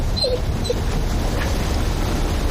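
A dog whimpers softly, giving two brief, high whines close together near the start, then falls quiet against a steady low background rumble. No one speaks.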